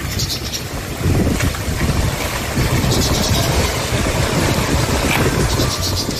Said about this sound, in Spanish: Bueno, lo que ven lo que escuchan y se ven las imágenes para quienes nos acompañan en YouTube es una alcantarilla que está rebosada, en la que empieza a salirse el agua, aguas negras, en una calle, en una zona turística que es Pozos Colorados